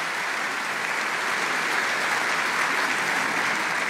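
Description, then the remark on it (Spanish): A church audience claps steadily and loudly to welcome visitors, a dense, even wash of applause that holds its level for several seconds with no voices breaking through. “¿Qué tal si les damos un caluroso aplauso de bienvenida a todos estos hermanos?”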